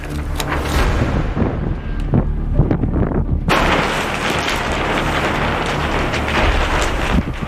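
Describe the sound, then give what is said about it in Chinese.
At an archaeological excavation site in March, a strong gust of wind roars and buffets the microphone with heavy low rumbling as the weather changes. Partway through it grows into a harsher, fuller hiss. It stays loud and continuous, with no voices. “三月的考古工地仍是阴晴不定，一阵大风吹过，天气说变就变。”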